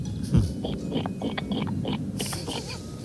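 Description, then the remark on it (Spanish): A person imitates a pig, making a run of rough, snorting grunts in quick, uneven succession, fairly loud, with no other talking. “Ah, pues empecemos por el cerdo, ¿por qué no?”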